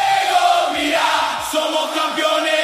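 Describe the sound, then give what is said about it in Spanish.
A dense roar of many voices cheering and shouting together, steady and continuous, as Argentine football fans enter the stands of the Mercedes-Benz stadium for a World Cup round-of-16 match against Egypt, with no single voice standing out. “Abrieron las puertas del estadio Mercedes-Benz y los argentinos ingresan a las tribunas.”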